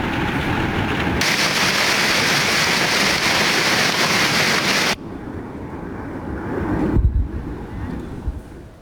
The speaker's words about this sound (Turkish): Kilis'te akşam saatlerinde etkili olmaya başlayan yağış bir anda doluya dönüştü.